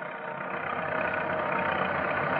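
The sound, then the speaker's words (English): A steady car engine drones continuously, a dense rumbling hum that swells slightly louder over a few seconds as the car drives up a little road into Latigo Canyon. No voices. “So, with Deputies Nestor and Chapman following in their car, the breathless road foreman drives to the camp. There they pick up Brown, the man who found the body, and drive on up the little road into Latigo Canyon.”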